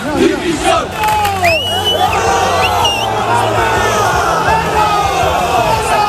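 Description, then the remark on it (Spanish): A large crowd of Valencia football fans, in the early hours, shouts and yells insults at the Valencia players and coach Corberán, many overlapping voices forming a loud, continuous roar that stays steady for several seconds with sharp individual cries rising above it. “Y no es lo más grave que le gritaron a los jugadores del Valencia, que hubo insultos gravísimos contra los futbolistas y contra Corberán.”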